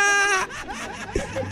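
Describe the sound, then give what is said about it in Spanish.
A human voice imitates a cow crying: a strained, high, wailing moo held briefly, then breaking into a few shorter sobbing, whimpering fragments and a low rumble. “No sé cómo lloran las vacas, pero supongo que así.”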